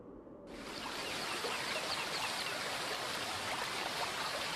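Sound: mountain river stream flowing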